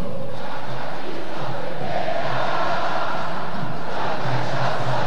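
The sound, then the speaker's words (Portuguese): A large crowd of Internacional football fans roars and chants in a stadium during a match, a steady, loud wash of massed voices with rising swells, and no single speaker standing out. “Olha a torcida do Internacional.”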